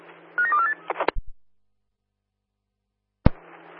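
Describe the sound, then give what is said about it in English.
Telephone dialing tones as a phone call is placed: a quick run of short, stepping tones over steady radio hiss, then a few sharp clicks, a silent gap, and a loud click as the hiss returns. No one speaks. “Yeah, can you guys just stand by for a phone call?”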